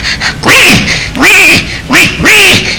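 A duckling quacks four times in quick succession, loud and nasal, each call rising and falling in pitch, with no voices around it.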